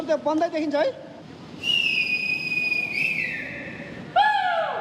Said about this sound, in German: Dutzende Rettungskräfte haben sich vor den Tunneln versammelt. Sie bereiten Seile vor, um die Menschen durch den kniehohen Schlamm herausziehen zu können. Mit Pfeifen und Rufen machen die Einsatzkräfte auf sich aufmerksam.